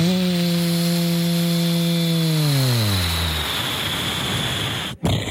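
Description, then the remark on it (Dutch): An airplane engine drones steadily with a buzzing, harmonic tone, then its pitch slides down and gives way to a loud, rushing roar, broken by a sudden brief cutout near the end. “Nog één keer een vliegtuiggeluid dan.”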